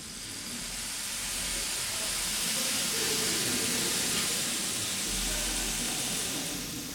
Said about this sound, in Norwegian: Og regnet, det har hun lagt i slagverksgruppen denne gangen. Kanskje kan vi få et aldri så lite regnvær inne i aulaen?